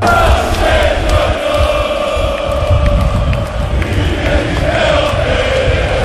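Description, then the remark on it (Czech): More than 25,000 Dinamo football fans at Maksimir stadium roar and chant, celebrating the club's league and cup double, a dense, steady wall of cheering voices that stays loud throughout, with occasional sharper shouts rising above the din. “Dinamo je zajedno s više od 25.000 navijača u Maksimiru proslavio naslov prvaka, u stvari dvostruku krunu, jer oba pehara i za prvenstvo i za kupu bila su u rukama igrača, ali prvi put i navijača, među koje su se popeli na sjevernu tribinu”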